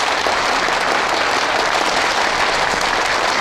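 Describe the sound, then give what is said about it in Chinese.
Sustained audience applause welcoming a film's creative team onto the stage, a dense, steady wash of many hands clapping at an even, loud level throughout with no pauses or voices breaking through. “好，下面让我们用热烈的掌声有请出我们本次电影的主创登台和大家见面，掌声有请。”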